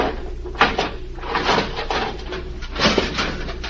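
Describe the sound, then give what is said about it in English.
A jimmy pries at the door of a locked steel cabinet, with several grinding, creaking bursts of metal strain that rise and fall over a few seconds. No voices. “If I can get the jimmy behind the steel door.”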